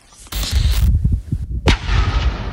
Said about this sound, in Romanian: Specialiștii antitero de la Serviciul Român de Informații au detonat controlat drona găsită pe un câmp din Viișoara, județul Vaslui.